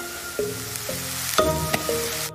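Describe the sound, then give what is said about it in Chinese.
A thin flatbread, sprinkled with xiangdou powder and dotted with rapeseed oil, pan-fries over low heat as the flour soaks up the oil and turns golden: a steady, soft sizzle runs throughout, with a few gentle tonal notes sounding over it at intervals. “小火慢煎，面粉汲取油脂，随即显出金黄”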